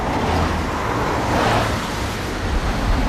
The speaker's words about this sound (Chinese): 卡车一路驶去，停在海边渔村农舍一小院门口。